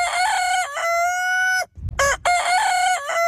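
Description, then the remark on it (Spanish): A rooster crows loudly, a long drawn-out call followed after a brief pause by a second crow, with some chicken clucking mixed in and no one speaking. “La gallina lo picaba todo.”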